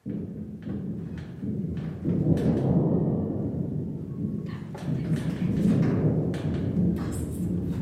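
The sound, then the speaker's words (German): A voice imitates a low, distant rumble of thunder: two long, swelling growls with a brief dip between them, deep and muffled, steady and fairly soft. “Ich kann zum Beispiel ein ganz entferntes Gewittergrollen nur machen.”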